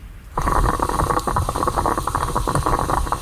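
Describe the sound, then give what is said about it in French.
A steady gurgling and sputtering of a moka pot, an Italian stovetop coffee maker, bubbling as it brews coffee, with continuous crackling pops and no voices. “C'est une cafetière italienne, ouais.”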